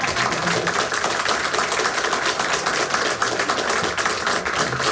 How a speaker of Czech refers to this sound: Takže si zatleskejme, ať nám tohle počasí vydrží.